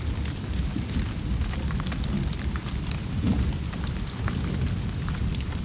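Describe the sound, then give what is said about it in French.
Steady, heavy rain pours down continuously on the Rue du Pont-Neuf around midnight, a dense hiss with scattered crackling drops hitting a hard surface. No voices are present. “La pluie a eu raison de l'émeute.”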